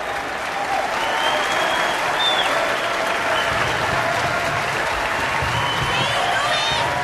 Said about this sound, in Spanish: El público aplaude. El público se pone de pie para aplaudirles a Miles y a Ruby.